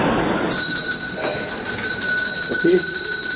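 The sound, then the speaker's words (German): A bell starts ringing suddenly and keeps going in one steady, shrill, unbroken tone for about three seconds, loud over a faint rumble of background noise. “Es läutet.”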